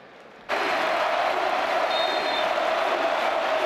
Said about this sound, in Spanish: Esta fue la ovación del Sánchez-Pizjuán a Luka Modric, un partido que volvió a ser lo más visto del día.